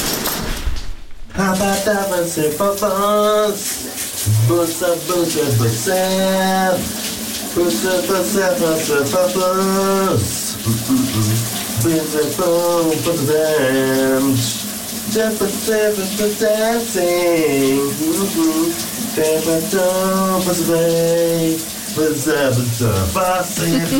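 A man hums a melodic tune close by while a shower runs steadily, the water's broad hiss continuous underneath his wavering, sustained notes throughout.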